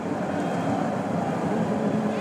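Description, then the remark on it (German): A steady, continuous roar of English football fans in a stadium in Miami, a dense wash of crowd noise at even loudness throughout with no distinct chants or claps standing out. “Das sind die englischen Fans, die ihr gerade im Hintergrund hört.”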